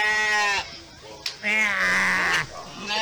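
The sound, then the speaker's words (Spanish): A person imitates a sheep with two drawn-out, wavering bleats, the second longer and louder, voiced with strong harmonic tone and a brief pause between them. “Un borrego te diga.”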